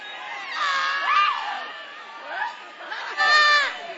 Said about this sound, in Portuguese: Vão expulsando, vão expulsando. Vão gritando para Jesus queimar ele.